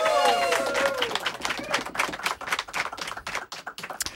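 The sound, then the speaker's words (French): A small audience at a live broadcast of Radio Saint-Fé 94.2 Valdrome breaks into dense applause, with quick overlapping claps. A brief whoop rises at the start, and the clapping thins out over about four seconds. “Mesdames et messieurs, applaudissements s'il vous plaît”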